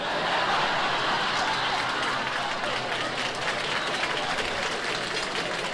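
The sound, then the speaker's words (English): Loud, sustained audience applause fills the whole stretch, a dense steady wash of many hands clapping at once with no break or fade. “Man, this audience claps loud.”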